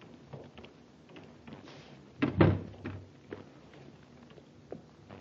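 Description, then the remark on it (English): A door of the Zakra Importing Company is opened with a single loud clunk of the latch, followed by a brief creak and a few soft footsteps and shuffles, with no voices. “Try the door. It's open.”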